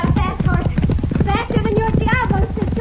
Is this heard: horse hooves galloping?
yes